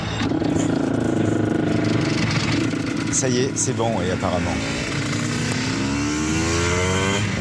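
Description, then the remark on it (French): A motorcycle engine catches after a push start and runs loudly, revving up and down in rising bursts, while people speak over it and other engines rumble in the background. “Mets-toi en première. Bah là, il pousse. Voilà. Il pousse.”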